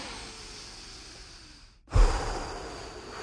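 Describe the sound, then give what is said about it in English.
A long, steady deep inhale through the mouth, a brief pause, then a louder, forceful exhale that trails off, with no talking. A radio host does a breathing exercise on the 98 Cool station before the Daily Road Report on traffic. “It's time to do the Daily Road Report, so let's do our breathing exercises before we do that.”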